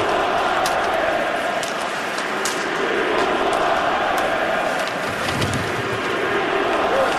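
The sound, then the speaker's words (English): A hockey crowd at a Montreal Canadiens game chants "We want Larkin" less than a minute into the game in a loud, steady mass of voices, with occasional sharp clacks and bangs cutting through the continuous roar. “Oh, here's the crowd starting on Larkin already. Listen to this.”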